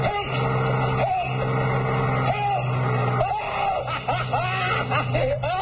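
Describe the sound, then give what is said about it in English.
A cross-country bus engine runs steadily, a deep continuous drone with rising and falling whines layered on top across the whole stretch. “Cross-country bus.”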